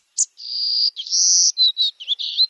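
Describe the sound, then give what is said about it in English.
A songbird sings a quick, high-pitched song of buzzy trills and short clear notes, loud, with no talking. “Now, this special songbird's future depends on people stepping up to protect our forests, from Nicaragua to Texas.”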